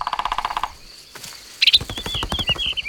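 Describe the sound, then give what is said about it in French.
A green-feathered, red-headed woodpecker with a long beak drums on a tree trunk: a fast burst of sharp, evenly spaced taps, a brief pause, then another rapid run of knocks with high bird chirps over it. “Le pivert tape avec son bec sur le tronc de l'arbre pour parler avec les autres oiseaux.”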